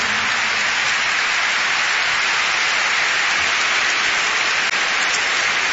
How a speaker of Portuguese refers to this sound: eu gostava de vos apresentar aqui um senhor que me acompanhou neste disco mundo, nos únicos dois fados tradicionais que eu tenho, e que é o professor Joel Pina, para quem eu peço uma grande salva de palmas, que é o meu convidado desta noite.